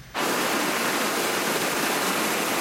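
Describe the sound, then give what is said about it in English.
Loud, steady roar of floodwater rushing through the swollen Old Man Creek in Strathcona County after unprecedented June rainfall, a dense continuous wash of churning flow with no pauses and no voices. “When rain turned the Old Man Creek behind the Nichols home into a river, they jumped into action, calling 911.”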